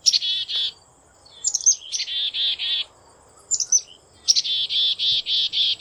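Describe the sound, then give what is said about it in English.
A black-capped chickadee calling: high, sharp introductory notes followed by a run of buzzy, evenly spaced 'dee' notes, repeated in three clear phrases with no one talking. “That's the familiar call of the black-capped chickadee.”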